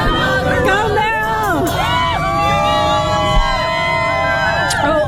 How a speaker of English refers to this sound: The screaming at the end is because one of the people is getting arrested.